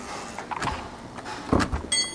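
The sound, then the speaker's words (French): The workshop door of an engraver and screen printer from Montauban opens: a couple of knocks and clunks from the latch and frame, then a brief high-pitched squeak as it swings. No one speaks. “graveur et sérigraphe montalbanais, nous a ouvert la porte de son atelier.”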